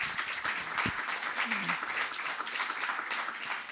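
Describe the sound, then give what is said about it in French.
A crowd applauds two speakers steadily, a dense wash of many hands clapping at once, sustained and fairly loud throughout, with a faint voice briefly audible beneath it. “On peut peut-être applaudir nos deux intervenantes.”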